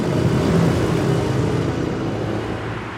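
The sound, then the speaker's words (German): Steady, loud traffic noise as cars drive past on a street where they may go 50 km/h, a continuous low rumble of engines and tires with no voices. “Noch aber dürfen Autos hier mit 50 Kilometer pro Stunde vorbeifahren.”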